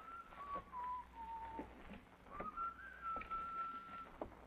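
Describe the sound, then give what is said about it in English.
A man walking on a sidewalk whistles a meandering tune in two phrases with a short pause between, the melody gliding up and down over a soft, steady background hiss. “That guy will be whistling another tune in a minute.”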